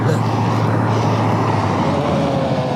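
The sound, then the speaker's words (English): A heavy truck engine rumbles loudly and steadily as the truck passes by, a thick, continuous roar with a faint shift in pitch near the end, with no voices. “Truck.”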